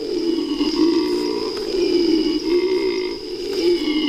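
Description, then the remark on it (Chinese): A male howler monkey, whose special resonance chamber amplifies its call, howls in a deep, continuous, droning roar that swells and dips for several seconds, with a steady high insect-like whine running underneath. “雄性吼猴拥有特殊的共鸣腔，可以放大叫声。”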